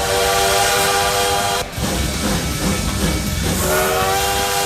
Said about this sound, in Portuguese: É que nem eu falo, gente, ó, chegou por aqui, essa é a estação certa, o trem-bala aí, ó.